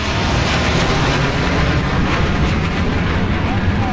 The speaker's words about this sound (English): And military planes thundered overhead.